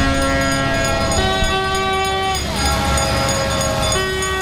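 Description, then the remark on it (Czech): Loud, overlapping horns and bells from a convoy of historic, mainly fire, vehicles arriving in Štramberk in the Nový Jičín area blare continuously, their sustained tones shifting pitch every second or so, with a steady rumble underneath and no talking. “Téměř ohlušujícího houkání a zvonění přijíždí do Štramberku řada historických, hlavně hasičských vozidel.”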